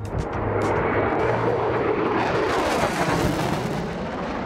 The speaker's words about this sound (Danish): Det er F-16-flyet, der jo nu er blevet udskiftet med F-35-flyene på flyvestation Skrydstrup.